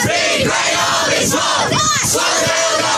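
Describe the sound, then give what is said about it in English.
A group of under-14 boys from a local Australian rules football team chanting and shouting together in rhythmic, energetic bursts, loud, celebrating a recent win with a rowdy victory chant. “The under 14 boys after a recent win there on the socials.”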